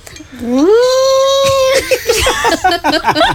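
A loud, close wailing cry rises and holds for about a second, then breaks into shorter, choppy sobbing sounds, like a young child crying.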